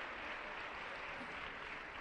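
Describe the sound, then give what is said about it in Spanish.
An audience applauds the Lord steadily, a dense, even wash of many hands clapping with no pauses and no voices standing out above it. “Pero bien fuerte, dele ese aplauso al Señor.”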